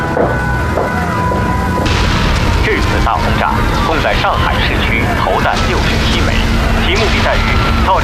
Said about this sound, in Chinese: 这次大轰炸轰在上海市区，投弹67枚，其目的在于造成上海大面积停电停水。从舟山机场起飞，分4批轮番空袭上海。